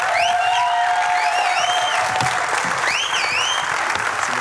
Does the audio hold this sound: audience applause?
yes